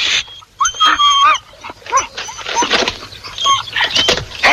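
Several dogs whimper and whine in high, wavering cries that overlap continuously, fairly loud, with brief yelps breaking through the chorus.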